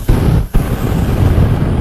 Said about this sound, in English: Sometimes you need a flamethrower.